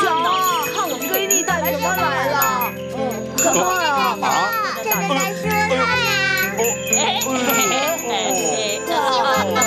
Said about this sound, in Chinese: 哎呦，这么多的风铃啊，你们对我真是太好了，哎，真是太好了。